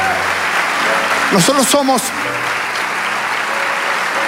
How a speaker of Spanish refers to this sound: Vamos, dale ese aplauso.